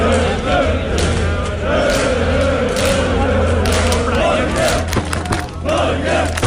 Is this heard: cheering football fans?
yes